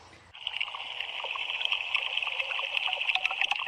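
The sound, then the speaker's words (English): A steady, watery hiss with soft bubbling and faint crackles: live underwater sound of Wave Farm Pond picked up by hydrophones of Pond Station, a solar-powered transmission pod on the pond's surface, played via the Wave Farm Radio app; continuous with no voices. “So you're hearing live what's happening in the pond we're standing 50 feet in front of.”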